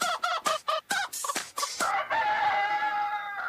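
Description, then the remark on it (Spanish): A rooster lets out a rapid series of short clucks, then a long, drawn-out crow that holds steady and loud until the end, with no voices. “Carlito de Volcán, hermano del dueño del gallo, lo dice por acá.”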